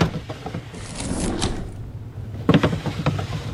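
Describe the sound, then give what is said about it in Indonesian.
Desk drawers slide open one by one, a scraping wooden rumble followed by a second sharper rattle and slide, fairly loud with no talking. “Ia pun membuka satu persatu laci meja.”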